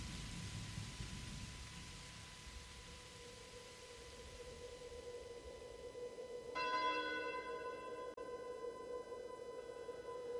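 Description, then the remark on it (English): Steady rain hisses throughout, with a low rumble of thunder early on; later a sustained ringing tone joins the downpour. No one speaks. “The storm has ceased. All is still. The winds are hushed.”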